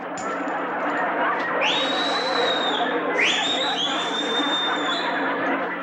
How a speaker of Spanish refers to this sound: ¿A quién le chiflaste? Al umpire, que marcó mal.